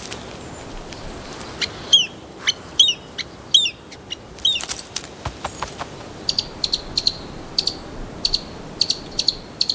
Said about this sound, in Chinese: 智利扑翅鬣大多在地面上觅食，但今天这些吵闹的啄木鸟正在雌树的枝头四处搜集蚂蚁。